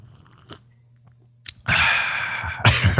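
A loud slurp of coffee drawn in for over a second, with a couple of faint lip clicks and a short breath just before it. Nobody speaks.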